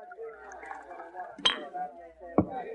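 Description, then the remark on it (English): A bottle clinks sharply against a glass twice, about a second apart, as rye is poured at a dresser, with a low murmur of a celebrating saloon crowd continuing underneath. “Suddenly he got up, walked to the dresser, and poured another glass of rye.”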